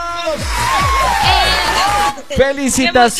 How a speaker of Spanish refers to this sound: Yo digo la Rumba y tú gritas ahí con todos los que estás ahí, te tumba. Así que vamos a la cuenta de 3, 2, 1. Yo digo la Rumba.